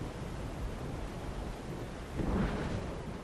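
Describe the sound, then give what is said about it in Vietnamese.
Steady, dense rain hisses throughout, and a deep roll of thunder swells up briefly near the end before settling back into the downpour. No voices are heard. “Cơn mưa dứt thì trời cũng đã về sáng.”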